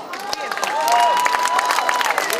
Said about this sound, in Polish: No tak, Filip zbiera jak zawsze zasłużone brawa.